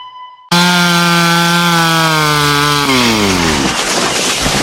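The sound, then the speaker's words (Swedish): A chainsaw roars into life after a brief quiet moment, cutting through wood with a loud, steady engine whine that drops in pitch as it bites into the timber. “Ja, så du sågar när jag tränar.”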